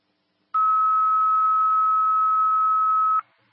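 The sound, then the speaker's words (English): A loud, steady electronic fire dispatch alert tone over a radio holds one unchanging pitch for nearly three seconds, starting and stopping abruptly, with no voices, before a dispatch to an activated fire alarm in North Wildwood. “he's on the hook right now. You're getting tapped.”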